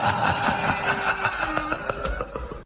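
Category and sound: vehicle, motorcycle engine idling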